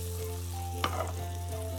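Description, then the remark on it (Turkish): Slices of bread fry in butter in a hot pan, sizzling steadily with a soft continuous crackle over a low hum, with one brief utensil tap partway through. “Güzelce kızartmaya devam ediyoruz.”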